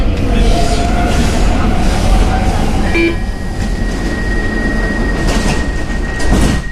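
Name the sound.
stockholm metro train running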